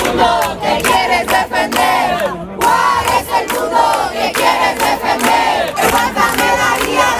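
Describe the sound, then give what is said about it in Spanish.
A crowd of neighbours shouting together outdoors in the street in the morning, loud and continuous, with overlapping voices rising and falling in chant-like bursts of 'no estás sola' ('you are not alone') as a woman is carried out on a stretcher, no single voice standing out. “Los que han dormido en la acera, los que han llevado comida, los que se han sentado delante del portal, los que esta mañana cuando Mari Carmen salía en camilla gritaban: no estás sola.”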